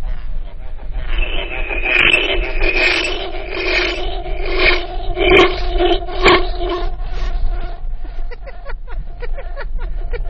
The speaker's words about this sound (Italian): È veramente pazzesco la possibilità di fare eco con questa cosa. Eh sì, ma anche in rete funziona diversamente, perché logicamente in rete è più ritardo.